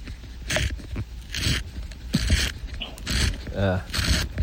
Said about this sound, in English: And listen, though, to a pencil sharpening. Here we go.